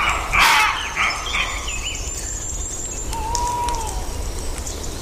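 A loud, harsh bark near the start, then a few fainter barking calls of wolves, foxes and roe deer in Asturias, set against an outdoor night backdrop of insects and occasional bird calls.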